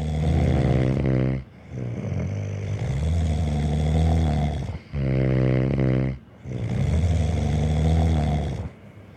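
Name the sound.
loud snoring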